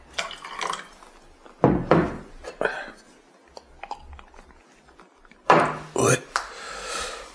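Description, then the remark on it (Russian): About 40 valerian drops trickle into a glass: a series of small, soft drips between louder clinks and splashy liquid handling, with muffled voices faintly in the background. “Это валерьянка, да? Да. Сколько капель? Капель 40.”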